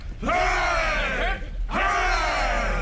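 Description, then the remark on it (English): A ship's crew cheers "hooray" for Captain Smollett twice in loud, sustained shouts, each swelling and then fading, with a brief gap between them. “A cheer for Captain Smollett. Hooray!”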